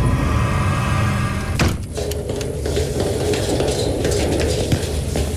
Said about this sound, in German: Perfekt. Dann können wir jetzt die Klappe zumachen. Dann scheint das Licht auch nicht raus.